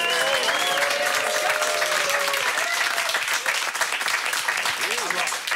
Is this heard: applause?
yes